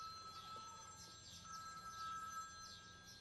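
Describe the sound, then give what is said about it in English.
A mobile phone rings faintly and muffled from inside a bag, its electronic ringtone repeating in a quick warbling pattern, with no one talking over it; it rings because the phone number found on a collar was dialled. “Is that someone's phone ringing?”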